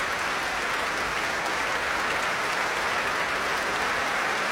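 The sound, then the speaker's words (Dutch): Sustained, dense applause and a standing ovation from a large concert audience at the Concertgebouw in Amsterdam for conductor Aileen Chen after the Concertgebouw Orchestra played Elgar's Enigma Variations, a steady wash of clapping with no pauses and no voices standing out, holding at an even, full level throughout. “Groot applaus, staande ovatie voor dirigente Aileen Chen.”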